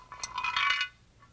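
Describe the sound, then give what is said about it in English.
A hard bone clatters and rattles in a metal frying pan, a quick cluster of bright, ringing clinks over about a second, with one faint tap after the rest. “That bone sure sound hollow in that frying pan.”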